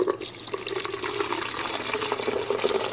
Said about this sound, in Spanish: Desgranamos los choclos, ponemos en una licuadora, agregamos la taza de leche.